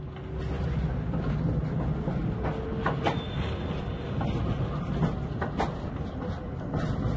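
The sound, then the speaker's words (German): A preserved GT4E articulated tram, railcar 557 with trailer car 747 from the third delivery series of 1976-77, rumbles along the rails, steady low running noise with repeated clicks and clacks from the wheels, plus brief metallic squeals. No one speaks. “Mit Triebwagen 557 und Beiwagen 747 ist ein Zug der dritten Lieferserie der Baureihe GT4E aus den Jahren 1976-77 betriebsfähig erhalten.”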